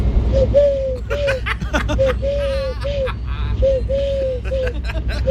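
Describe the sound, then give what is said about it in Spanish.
A person imitates a turtle dove's cooing for a Canal Sur TV crew, voicing a series of soft, rounded coos in a steady rhythmic pattern, with a noisy crowd murmuring in the background. “Mira, hago la tórtola súper bien, mira.”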